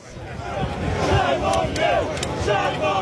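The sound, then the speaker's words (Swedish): A crowd of protesters shouting together at night in the harbour town of Portsmouth, UK, trying to block roads and hinder the coast guard, protesting dinghies carrying asylum seekers across the English Channel; overlapping raised voices and chant-like cries form a steady, loud wall of noise, with a few sharper yells rising above it. “I hamnstaden Portsmouth försökte demonstranter i natt blockera vägar och hindra kustbevakningens arbete.”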